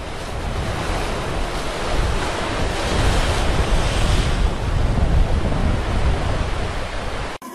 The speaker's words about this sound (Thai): เมื่อคลื่นลมข้างบนแรงใต้น้ำก็ลำบากไม่แพ้กัน